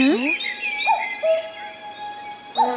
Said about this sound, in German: Ein Kuckuck. Der kann seinen Namen selber sagen.